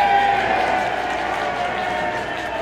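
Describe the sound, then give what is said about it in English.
A steady wash of crowd noise at a baseball stadium during a game, with fans cheering and clapping in a continuous, fairly loud roar that holds level throughout. “A few fans getting active in the crowd.”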